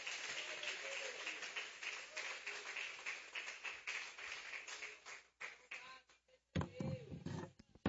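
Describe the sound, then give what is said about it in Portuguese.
A church audience applauds for Christ to welcome the man of God, with dense, steady clapping for about five seconds, then the applause thins to scattered claps as a man's voice begins speaking over the last moments. “Recebe o homem de Deus com as palmas para Cristo, igreja.”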